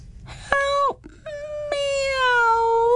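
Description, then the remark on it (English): A cat stuck in a pipe howls in two drawn-out, wavering cries, a short one followed by a longer, rising and falling wail, echoing around the pipe, loud with no talking. “Her howls echoed around the pipe and clanged in the hedgehog's ears, giving him a nasty headache.”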